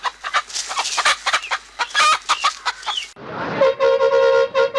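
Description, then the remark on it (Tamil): A flock of chickens clucks busily while being fed, many short overlapping calls for about three seconds, before a loud, steady horn-like tone from an approaching bus abruptly takes over to the end. “கோழிகளுக்கு தீவனம் போட்டுட்டு இருக்காங்க, சட்டுன்னு கொடுத்துட்டு வா புள்ள.”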